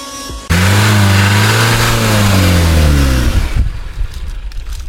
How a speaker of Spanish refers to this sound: Va, se apagó el carro. Nos quedamos sin gasolina.